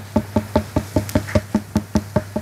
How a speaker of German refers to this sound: Ein Klopfen. Sie haben gut kombiniert, das ist ein Klopfen. Aber wer klopft da wo, woran und warum? Es sollte so ein heller, hohler Ton sein. Das so richtig hohl klingt. Denn mit zunehmendem Wassergehalt wird der Ton heller.